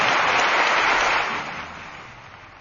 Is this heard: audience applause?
yes